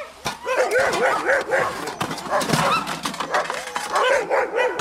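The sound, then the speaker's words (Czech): A chorus of sled dogs barks, yips and whines continuously and excitedly before feeding, with overlapping high, wavering whimpers and sharp barks forming a loud, restless din. “Jo, takhle, při vysoké práci krmíme masem hlavně a potřebuji až kilo masa na psa a musí se to někam vejít, jo?”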